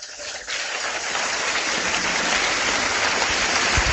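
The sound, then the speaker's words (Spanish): A crowd breaks into applause for the Lord, starting a little softer and swelling within half a second into steady, dense clapping that stays loud and even, with no voices over it. “Tremenda noticia, denle un aplauso al Señor.”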